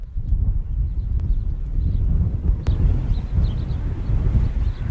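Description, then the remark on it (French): Strong desert wind at a solar farm roars steadily into the microphone, a dense low rumble with buffeting gusts and a couple of sharp clicks, no voices. “L'un des enjeux du désert, vous l'entendez, c'est le vent.”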